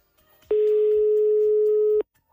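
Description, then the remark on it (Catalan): A single long ringback tone, a steady mid-pitched electronic hum on an outgoing phone call from the Premià Mèdia radio station to a listener who won a draw, sounds clearly for about a second and a half, then cuts off, with faint background noise before and after. “Tenim ja el telèfon sonant.”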